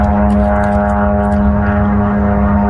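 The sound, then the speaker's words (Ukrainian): A loud, steady buzzing drone of the small propeller engine of a Shahed attack drone flying overhead during a morning attack on Zaporizhzhia, Ukraine. It holds one unwavering droning pitch throughout with no voices. “Від ранку Запоріжжя під атакою ворожих безпілотників.”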